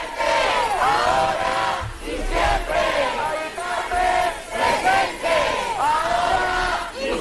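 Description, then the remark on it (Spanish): A large crowd of protesters chants the slogan "Mari Carmen presente, ahora y siempre" in unison as they march toward the Congreso de los Diputados, the loud, rhythmic phrases repeating every couple of seconds over a steady murmur of voices. “Mari Carmen presente, ahora y siempre, con ese grito, con esa reivindicación, entre otras, marchaban hacia el Congreso.”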